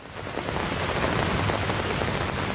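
Heavy rain pours steadily, a dense continuous patter of drops drumming on the thin orange roof of a small folding pavilion at a market in Wilhelmsruh, northern Berlin, loud with no voices.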